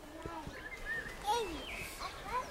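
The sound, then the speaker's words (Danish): Soft birdsong with several short, high chirps and whistled notes scattered over a few seconds against a quiet outdoor background. “Det bliver på en måde mere idyllisk med fuglekvider.”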